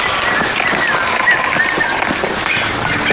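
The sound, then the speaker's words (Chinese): Steady, cold rain falls all around in a mountain forest in summer, a dense, even hiss, with no talking, just a few faint high chirps barely surfacing through the downpour. “下雨好冷。”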